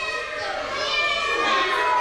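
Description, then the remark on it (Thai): A roomful of children, those who have two pencils, meow like cats on cue as a condition in a group game, their high, overlapping voices forming a steady, dense chorus of imitated cat sounds for about two seconds. “ต่อไปเงื่อนไขต่อไปครับใครมีดินสอ2แท่งให้ทำเสียงแมวครับ”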